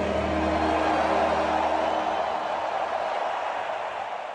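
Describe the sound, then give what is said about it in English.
A huge stadium crowd at SoFi Stadium in Los Angeles roars at the end of O Canada in a dense, sustained wall of cheering noise, with a faint low musical tone of the anthem fading at the start and the roar easing slightly toward the end. “Listen to the crowd roar at the end of O Canada at SoFi Stadium in Los Angeles.”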